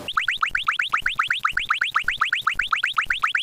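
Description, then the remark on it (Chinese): A stopwatch timer beeping as it is started at the main entrance of No. 138 Huayou Road compound to time the walk to the new Huayou Road West stop: a fast, steady run of rising electronic chirps, around two dozen in quick succession, bright and fairly loud, with no one speaking. “现在记者就是在华游路138号院的正门口，我们现在打开这个计时器，测试一下从这个正门口走向新的华游路西站究竟需要多长时间。”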